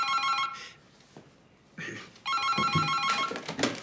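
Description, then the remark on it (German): A telephone rings loudly with a bright, trilling bell in repeated bursts for an incoming call, pausing briefly between rings, with faint background noise. “ein Herr Kern ist am Telefon.”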